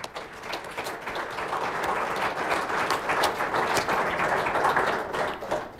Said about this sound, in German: Ja, herzlichen Applaus schon mal für Alexander Kühne.